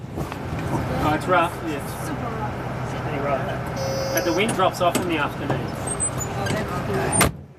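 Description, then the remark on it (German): Steady low rumble of a bus interior while driving across an island of the Tiwi Islands in Australia, with an engine drone throughout, occasional rattles and clicks, and people's voices chattering in the background. “Wir fahren mit dem Bus über die Insel.”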